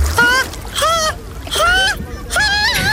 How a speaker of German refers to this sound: Da gibt's dann aber auch noch die Frostbeulen. Kennen wir auch alle jemanden. Sie findet ihr nur bei Temperaturen weit über 30 Grad im Freibad. Wenn sie dann aber da sind, hört ihr sie umso mehr beim Versuch ins Wasser zu gehen.